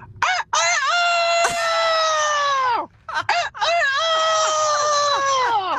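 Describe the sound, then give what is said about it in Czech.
A person loudly imitates a rooster crowing: two long, drawn-out crows in a row, each starting with short choppy notes before a sustained, falling call. “Tady máme kouta, slepicu tu umím taky.”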